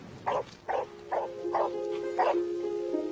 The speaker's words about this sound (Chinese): 吠叫是狗最基本的交流手段之一，了解狗如何吠叫和它想表达的意思，一直以来都是吸引研究人员的课题。犬吠在音量和音调上各有不同，这取决于它的功能以及狗与同类保持联系的需要。